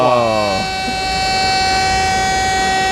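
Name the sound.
alarm siren sound effect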